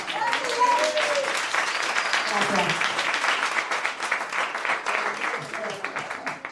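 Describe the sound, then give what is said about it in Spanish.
A crowd claps at a frantic, doubled-up pace, applauding at double speed like audio played at 2x, a dense continuous patter of rapid hands for several seconds, with a few voices and whoops poking through near the start. “Es ahora aplaudir por dos.”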